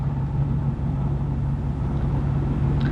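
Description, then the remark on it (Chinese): A steady low engine drone and road rumble from a taxi in motion, constant and even throughout with no voices, the hum holding a deep, unchanging pitch. “大姐，我这开出租呢，你以为我开飞机呢？”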